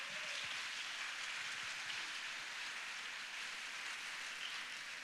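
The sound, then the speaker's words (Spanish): A church audience applauds to the Lord while welcoming a woman pastor to the front, a dense, steady wash of many hands clapping at an even loudness for several seconds, with no voices rising above it. “Recibámosla con un aplauso al Señor, por favor.”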